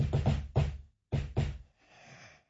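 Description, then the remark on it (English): A salesperson's familiar rhythmic knock on a door: three quick raps, a pause, then two more, loud, followed by a faint rustling noise. “So, what you have to do, and what these salespeople are doing now, which is just genius, is they give you the familiar knock.”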